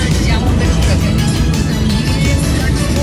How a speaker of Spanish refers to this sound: Por acá nos envían un videito, nos dice que llegó otro carro de bomberos a apoyar.